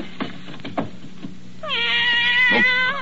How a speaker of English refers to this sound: Meow. A cat in my desk.